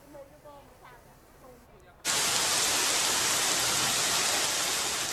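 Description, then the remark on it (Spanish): A voice talks briefly at low level, then a loud, dense roar of heavy rain from a sudden cloudburst cuts in abruptly and pours steadily without letup until the end, in Haro, La Rioja, Spain, one afternoon when more than 50 litres fell in a very short time. “Tromba de agua esta tarde en Haro, en La Rioja. Han caído más de 50 litros en muy poco tiempo.”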